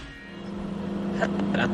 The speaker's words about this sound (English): And as soon as the microwave starts, you can hear it scrambling the signal.